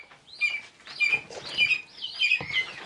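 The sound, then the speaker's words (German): Young falcon chicks with fluffy, tousled down at a falcon farm in Potsdam, Germany, chirping in repeated high-pitched bursts, about five short cheeping phrases in quick succession, with faint rustling underneath and no talking. “Sie sind wirklich zu niedlich mit ihrem fluffig zerzausten Flaum”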